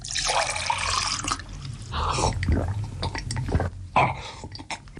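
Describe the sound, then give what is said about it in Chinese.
On a hot day, a faucet gushes briefly, then cold water splashes into a cup, followed by a series of wet gulping swallows as someone drinks it down quickly. “一路回到家，开门进屋，打开水龙头，接了杯凉水，咕噜噜地喝了起来。”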